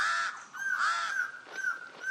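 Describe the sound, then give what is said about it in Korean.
A pied crow, nesting on the highest branch of a tree, caws several times in quick succession, harsh, raspy calls that are loud, with no voices or other sounds around them. “흰가슴 까마귀는 가장 높은 가지에 둥지를 틀었습니다.”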